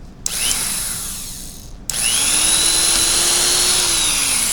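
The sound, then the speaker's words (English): A power drill whirs loudly in two bursts, a short spin-up then a longer sustained run as the bit bores a hole through a cap, its motor pitch shifting slightly under load. No one speaks. “Let's drill a hole.”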